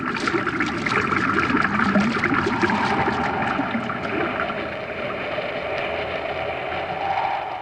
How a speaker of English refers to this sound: Commander, look at the water level against the wall of the shaft. Looks like it's rising. You're right, Hap. That pipe isn't drawing water out, it's forcing it in. Someone reversed the pumps.